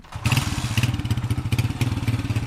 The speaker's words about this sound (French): On entre sur le site antique de Palmyre à moto. C'est comme ça qu'une partie des touristes visite aujourd'hui la cité.